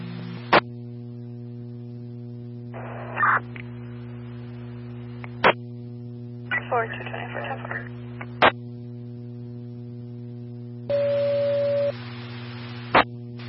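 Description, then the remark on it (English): Radio dispatch alert tones for a fire alarm call at a residence, from a hallway smoke detector: a steady electronic beep of about a second over constant low hum, with sharp keying clicks and short bursts of static across the radio channel. “Cell phone tones for a fire alarm at 228 Road 5500, 228 Road 5500.”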